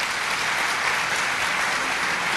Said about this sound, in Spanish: Un aplauso para este valiente.